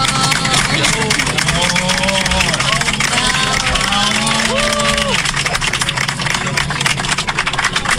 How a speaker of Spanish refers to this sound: pues él estaba tranquilo ahí en el vuelo rumbo a Venezuela, y obviamente tuvo una ovación por parte de los pasajeros y obviamente de la tripulación del avión, y escuchemos la emoción que le da.